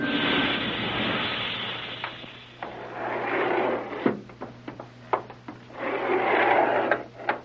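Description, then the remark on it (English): A rocket elevator arriving: a steady mechanical rumble and grinding swells and fades, broken by several sharp knocks and clunks, with no voices. “Sounds like another elevator coming.”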